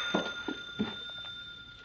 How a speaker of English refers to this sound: There, that's Rager's phone. Listen in.